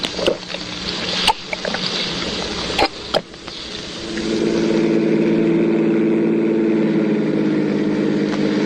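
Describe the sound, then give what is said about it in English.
A car engine drones steadily with road noise as it drives through traffic, a few sharp knocks and rattles early on, then a louder sustained hum as the vehicle drives on. No voices. “We got fouled up in traffic.”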